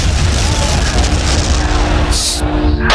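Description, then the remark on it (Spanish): A loud, sustained roar of crashing and explosion noise as a helicopter crashes into the speakers fills the whole clip, dense and rumbling with a steady low hum, followed by a brief hissing burst near the end. “Aquí el helicóptero se ha chocado contra nosotros.”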